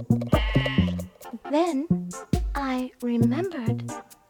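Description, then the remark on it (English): A human voice imitates a sheep, letting out a fairly loud series of quavering 'baa' bleats, several short ones followed by longer wobbling cries, with brief pauses between. “And I replied, baa, baa.”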